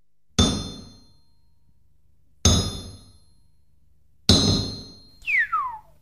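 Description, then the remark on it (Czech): At a blacksmith's forge, the heaviest sledgehammer strikes hot iron three times at slow, even intervals, each loud blow ringing out and fading, followed by a quick descending whistling sweep after the last hit. “Tu máš nejprve to menší kladivo, ať se mi tu nestrhneš. Ale ne, dejte mi to nejtěžší.”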